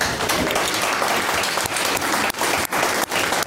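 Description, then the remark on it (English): A studio audience applauds steadily for political commentator Arnaud Paula as the panel is introduced on a show, a dense, loud wash of clapping across the full range, holding for a few seconds with only brief dips and no voices. “A huge round of applause for political commentator Arnaud Paula.”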